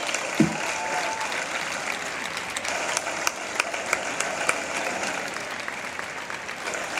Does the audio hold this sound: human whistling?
no